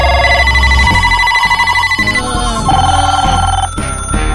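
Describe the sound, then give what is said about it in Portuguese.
A telephone rings with a bright, musical ringtone melody, loud, playing continuously through the whole stretch with shifting tonal notes and no voices. “Olha o telefone tocando aí, ó. Atende aí.”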